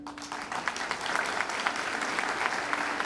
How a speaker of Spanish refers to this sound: La cooperación y los hermanamientos de Villa El Salvador nacen gracias a la iniciativa de Walter, a quien quiero rendir un homenaje hoy y un fuerte aplauso.